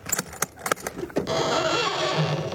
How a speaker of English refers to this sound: Oh, those creaking hinges give me the shivers. Oh, they just need a little oil.